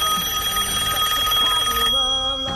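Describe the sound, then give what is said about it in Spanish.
A traditional telephone bell rings loudly and continuously with a bright metallic rattle, then a brief humming tone takes over near the end. “Bueno, con el otro UCED Dial-Up vamos a ir a Córdoba, donde está el cura largueño Humberto González, y el teléfono tradicional.”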